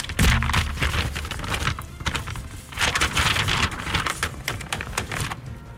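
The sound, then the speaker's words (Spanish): Sheets of paper are arranged, shuffled and rustled in uneven bursts of crisp crinkling and flapping, fairly loud and with no voices, swelling and easing over several seconds. “Sí, ya tengo aquí acomodadas las hojas y todo, nomás para hacer escándalo.”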